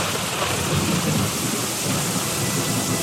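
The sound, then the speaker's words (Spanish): Heavy rain of the rainy season pours down in a steady, dense roar, with a low rumble of thunder rolling underneath throughout. No voices are heard. “Era la época de lluvias, y ese día llovió fuertemente”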